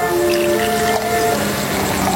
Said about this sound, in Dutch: We schenken een glas wijn in.